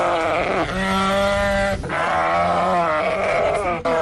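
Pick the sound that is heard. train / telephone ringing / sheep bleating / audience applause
sheep bleating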